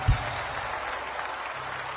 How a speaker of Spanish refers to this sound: Vamos, dale un aplauso sobre tu cabeza al Rey de Reyes y al Señor de Señores. Más fuerte ese aplauso al Rey. Amén.